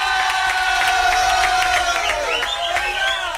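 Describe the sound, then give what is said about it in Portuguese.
Steady applause with crowd noise and cheering, clapping dense and continuous at a fairly loud level, with tonal whistle-like sounds rising and gliding near the end. “Palmas aqui, ó, pra sua esposa.”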